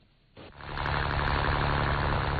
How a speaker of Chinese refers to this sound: 早上七点，暖阳松洒，海面波光粼粼，三亚牙洲中心渔港内马达声响起